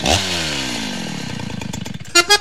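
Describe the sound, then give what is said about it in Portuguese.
A loud Stihl chainsaw engine roars, its pitch sliding down from a high rev into a throbbing idle, then three short, sharp bursts of revving at the end. “Na Dom Bosco, a Estil ronca alto e a parceria acontece.”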